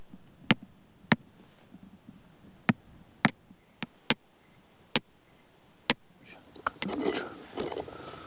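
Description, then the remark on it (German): Hammering with a small hammer on a soil probe driven into a moor meadow to test how thick the peat is: about eight sharp, ringing metallic taps at an uneven pace, followed by a short burst of scraping and clattering. “Wenn nicht, aber ob der kleine Hammer reicht, wissen wir jetzt noch nicht.”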